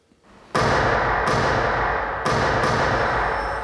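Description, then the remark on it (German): Four loud gunshots ring out in an uneven sequence through the Theater Ulm in Germany during a stage play, each sharp crack trailing into a long reverberant echo that fills the theatre; no one speaks. “Vier Schüsse hallen durchs Theater Ulm.”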